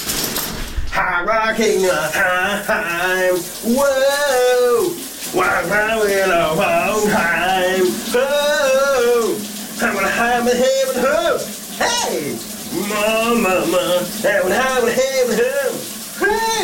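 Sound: shower water running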